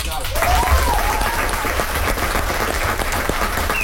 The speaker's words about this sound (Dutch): Groot applaus hoor.